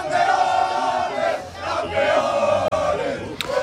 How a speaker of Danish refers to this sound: Ferran Torres sparker væk. Spanien er verdensmestre. Og så kunne jublen bryde ud i den spanske fodboldstjerne Lamine Yamals hjemby Mataro.